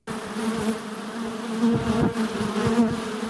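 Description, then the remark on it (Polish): A dense, steady buzzing of many honeybees at an apiary of 35 colonies in Nowe Iganie, a continuous droning hum that swells slightly as individual bees pass, with no voices. “Pszczołom zagrażają też pasożyty czy opryski.”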